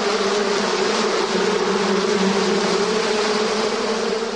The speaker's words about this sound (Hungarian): A beporzásban a házi méh az egyik legnagyobb segítségünk. A szorgos méhek napkeltétől napnyugtáig hordják a nektárt a virágokból a kaptárakba. A vándortanyákon mozgalmas az élet.